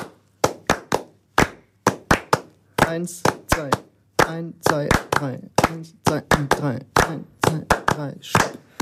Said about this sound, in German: Ihr klatscht 3. Macht das mal so. Genau. Und wir machen jetzt die 2.